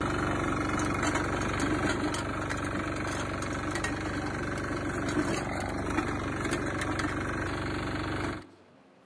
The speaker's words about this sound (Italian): tu guidi un altro tipo di Io moto. il mio automezzo, il trattore, quello La moto porta zappa.